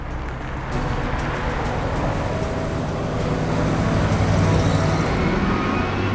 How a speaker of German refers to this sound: Hier ist gerade ein schwarzer SUV vorbeigekommen. Ich glaube, Silvestrelli hat auch drin gesessen. Ein LKW, ein Sattelschlepper ist hinterhergefahren.